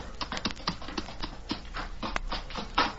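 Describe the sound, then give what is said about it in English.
A couple of horses' hooves clip-clop on hard ground in front of a cave in a steady, slightly uneven clatter of sharp knocks, moderately loud, with no voices. “Well, if someone comes along, we don't want them to investigate a couple of horses standing in front of this cave.”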